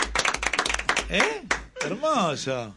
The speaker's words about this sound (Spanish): No, che, el aplauso.